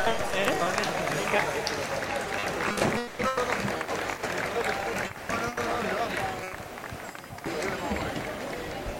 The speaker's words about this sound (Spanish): Fuerte el aplauso para ellos.